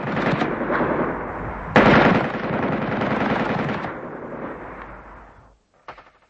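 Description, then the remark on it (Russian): Sustained bursts of machine gun fire from a rooftop at artillery gun crews rattle loudly and rapidly for several seconds, swelling again partway through before fading, then one short final burst after a brief pause. “С пулеметом на крышу и снять орудийные расчеты!”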